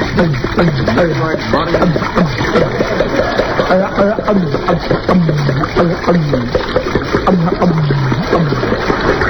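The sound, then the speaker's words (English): Alcohol pours steadily from a 5-gallon jar through a funnel held in a man's mouth for several seconds, splashing and gurgling, with muffled vocal sounds mixed in throughout. “Put this funnel in his mouth. Sure. Pass me that 5-gallon jar of alcohol. Taking precaution. Pouring it.”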